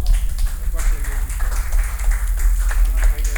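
Steady audience applause, a dense crackle of many hands clapping at once, continuing at an even loudness over a deep low hum for a few seconds.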